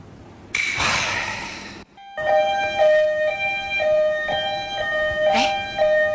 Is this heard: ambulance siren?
yes